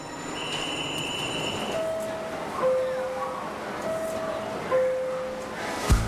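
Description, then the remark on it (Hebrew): A train rumbles steadily at a railway station, with a repeating two-note tone sounding twice, high wheel squeals, and a sharp clunk near the end, loud throughout. “זה דווקא רעיון לא רע שליווית אותי לתחנה. אני פשוט אוהבת רכבות.”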